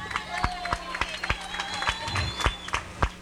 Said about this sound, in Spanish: Vamos a dar oficialmente la bienvenida a Pizza Hut Chetumal. ¡Fuertes aplausos!